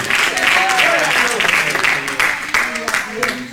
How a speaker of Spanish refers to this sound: ¿Cuántos pueden dar un aplauso fuerte al Padre, al Hijo y al Espíritu Santo esta noche?